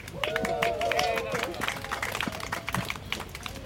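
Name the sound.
brief audience applause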